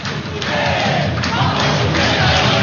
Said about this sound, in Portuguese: Aqui, manifestação da torcida